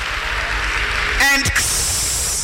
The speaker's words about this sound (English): Give a better clap offering unto Jesus.